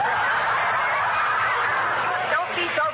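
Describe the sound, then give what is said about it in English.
A raspy snore with a clucking, hen-like quality runs steadily for about three seconds, a person lying in bed vocally performing it, with a few sharper clucks near the end and no speech. “I grow old while you lie there and cluck.”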